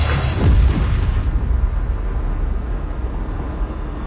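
A single heavy blast from a ship's cannon, loaded with scrap iron and iron pieces and fired at pirates storming the ship, erupts loudly at the start, then trails off into a long, low rumbling echo that fills the rest of the moment.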